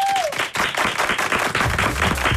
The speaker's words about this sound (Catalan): Un aplaudiment.